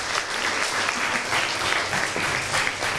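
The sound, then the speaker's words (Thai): Students in a classroom clap steadily for about three seconds for a classmate who correctly drew ray CB, a dense, even patter of many hands at fairly constant loudness with no voices over it. “ถูกต้องเก่งมากๆเลยค่ะปรบมือให้เพื่อนหน่อยค่ะ”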